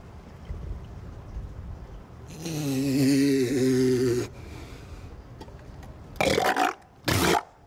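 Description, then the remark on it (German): A long, low, rumbling grunt followed by two sharp, loud, breathy bursts in quick succession, like a large animal's sneezes, with no one talking. “Gesundheit.”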